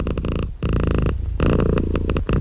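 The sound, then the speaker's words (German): A cat purrs steadily, a loud rumbling drone broken into a few breaths with short pauses between them, with no one speaking. “Katzenglück kann man hören.”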